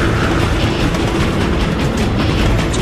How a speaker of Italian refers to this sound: Sti numeri dicono che fra 12 secondi un treno merci entrerà nello studio dove sta registrando il doppiatore di questo film! Infatti, 5, 4, 3, 2 secondi dopo... Treno infame!